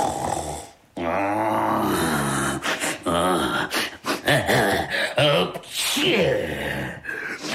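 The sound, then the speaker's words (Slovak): A voice imitates a dragon's loud, rasping snoring, with repeated rumbling, snorting breaths over several seconds, strongly voiced with brief pauses between the drawn-out snores. “Už aj počujem, že som na mieste. Šarkan chrápe, ako by drevo pílil.”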